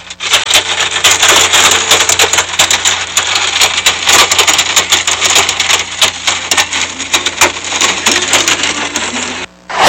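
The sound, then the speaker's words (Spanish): Heavy hail pelts down with rain and wind in the Santuario neighborhood of Tepeaca, Puebla, in a loud, dense clatter of countless sharp impacts, a steady roaring wash of noise with no voices, dropping out briefly just before the end. “Esta fuerte granizada con lluvia y viento también se registra en el barrio del Santuario en Tepeaca, Puebla.”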